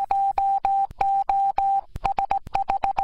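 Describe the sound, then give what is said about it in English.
Loud, clear Morse code tones broadcast on 96.9 Radio Humber: a steady electronic beep pulsing in long dashes, then a brief gap and a run of quick short dots, with no voices. “To celebrate that, here's a message in Morse code.”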